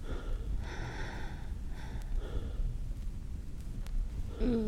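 Heavy, breathy panting from someone out of breath, a few ragged inhales and exhales spaced unevenly, fairly loud, ending in a sharper gasp.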